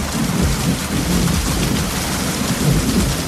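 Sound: rain with thunder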